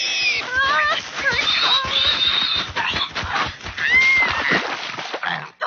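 A charging pig squeals repeatedly in high, wavering cries amid a loud, continuous scuffle of trampling and splashing through a mud puddle, busy for several seconds.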